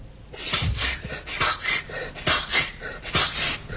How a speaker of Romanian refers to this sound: Poftim, s-a desumflat. Dăm pompa.